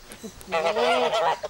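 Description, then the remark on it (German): A goose honks in one drawn-out, nasal call lasting under a second, fairly loud, with a few softer squawks just before and after it. “Um die Gänse schon mal auf ihre neue Heimat einzustellen, gibt's die Begrüßung auf Dänisch.”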